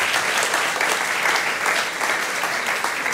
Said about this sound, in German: Ich merke das, Ihr Applaus hält sich im Rahmen, ist alles in Ordnung.